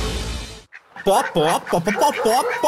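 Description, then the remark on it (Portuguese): A voice mimics a hen's clucking in a string of short, bouncy, pitched clucks, loud, following a brief burst of noise at the start, announcing the Galinha Pintadinha film. “Pó. Traduzindo, chegou o filme da Galinha Pintadinha.”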